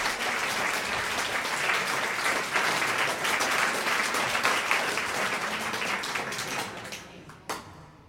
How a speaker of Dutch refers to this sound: Ja. Mag ik dan een groot applaus?